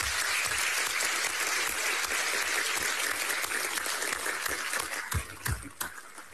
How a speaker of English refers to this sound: Could we have a round of applause for both candidates?